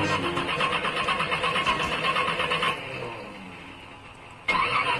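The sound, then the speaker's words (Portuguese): A car engine cranks over and over with a rapid, rhythmic churning, fails to catch and sags off, then bursts into another loud cranking attempt near the end. “Mas se o motor do seu carro tá assim”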